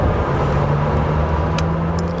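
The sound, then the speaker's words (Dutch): A Lamborghini Temerario supercar engine roars loud with a steady, deep droning hum and a broad rush of road noise. No one speaks. “Dat is echt bizar. Hoe snel het gaat en hoeveel toeren het draait.”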